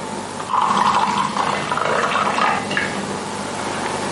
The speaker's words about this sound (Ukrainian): По черзі ногою зі столу бере пачку соку і горня, відкручує кришку, наливає і п'є.